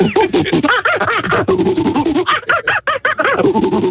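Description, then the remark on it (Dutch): A person imitates a monkey with rapid, chattering vocal bursts and hooting squeals, loud, in a fast rhythmic series over about four seconds. “En een aap, die lukt ook nog wel eens.”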